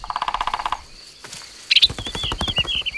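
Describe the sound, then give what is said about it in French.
A woodpecker with green feathers, a red head and a long beak drums its beak on a tree trunk in quick, even rolls of knocks, one short burst and then a longer one a moment later, with faint bird chirps in the background. “Le pivert tape avec son bec sur le tronc de l'arbre pour parler avec les autres oiseaux.”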